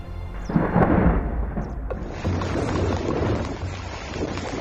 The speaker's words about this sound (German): Valencia im Oktober 2024. Sintflutartige Regenfälle überziehen die Ostküste Spaniens. An einem einzigen Tag stürzt in manchen Orten so viel Wasser vom Himmel, wie sonst übers ganze Jahr verteilt.